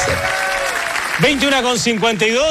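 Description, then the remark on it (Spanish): Sustained, dense standing-ovation applause from a large audience at the Premios Pulsar 2026 in the Sala SCD Egaña, a steady wash of clapping with no gaps, as a man's voice starts speaking over it about halfway through. “Aplauso, aplauso de pie.”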